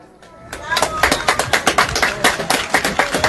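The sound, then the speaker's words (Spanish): Audience applause at the third Lima Dulce (sweet lime) festival, following the welcome, rises after a brief quiet start, becoming a steady stream of sharp, rhythmic hand claps at moderate loudness, with a voice faintly audible underneath. “Bien fuerte los aplausos, por favor.”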